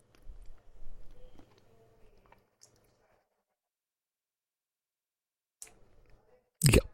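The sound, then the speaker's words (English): Soft wet squishing and smacking as someone eats a spoonful of Coverland's cottage cheese mixed with a teaspoon of smooth peanut butter, then a quiet pause and a sudden loud scrape at the end. “Tastes like peanut butter and cottage cheese mixed up.”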